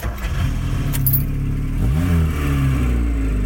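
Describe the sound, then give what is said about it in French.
A small Peugeot 104 car engine idles, then revs up with a rising hum around the middle before settling into a steady, loud drone. A brief metallic jingle sounds early on. “Papa avait acheté une Peugeot 104. Il en était très fier.”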